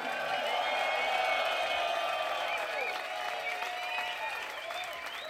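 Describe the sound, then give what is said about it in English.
A jazz concert crowd in Copenhagen applauds and cheers steadily for a keyboard player, dense clapping mixed with whoops and shouts holding at a loud, even level for several seconds. “Make some noise for … on the keys.”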